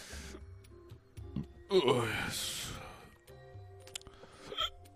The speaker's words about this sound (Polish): O Jezu, mi się czknęło i beknęło.